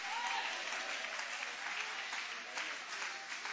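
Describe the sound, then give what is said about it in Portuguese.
An audience applauds steadily, a dense, even wash of many hands clapping that holds at the same level throughout, with no voices standing out. “Quem está disposto a passar pelo processo e continuar na mão do artesão, levanta a mão bem alta, aplaudindo, adorando, exaltando, suporta o processo.”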